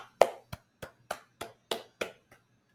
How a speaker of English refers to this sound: And then do the same with a clap. It doesn't have to be loud.